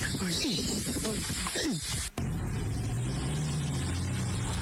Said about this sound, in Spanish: Están sacando la camioneta del Diego, que se quedó en un pantano.